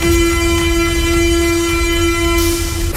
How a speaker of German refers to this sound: Ja, U-Bahnhof Schillingstraße, gerade wenig los hier auf dem Bahnsteig.